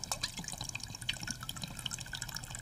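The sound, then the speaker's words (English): One cup of water pours steadily into a cup, a continuous trickling and splashing with a faint rising ring as the vessel fills; no voices. “One cup of water. Okay, you pour half”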